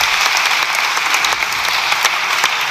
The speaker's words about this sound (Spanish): Sí, sí, den más aplausos, la claque facha.